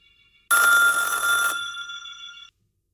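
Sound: telephone ringing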